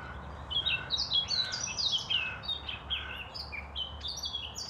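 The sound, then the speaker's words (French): Two birds chirp back and forth in quick, bright, overlapping calls, with no pauses between phrases, over a low steady background rumble; the song is clear, with no voices. “Oiseau. Il y en a combien? Deux.”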